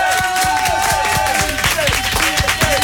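A loud, sustained burst of audience applause fills the space, dense clapping from many hands with crowd noise and a few high whistles mixed in.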